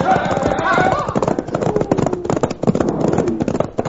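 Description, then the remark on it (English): Horses gallop, their hooves clip-clopping in a fast, steady clatter that stays loud throughout, with indistinct shouting voices mixed in near the start. “Turn those horses, boys! And let's get out of here!”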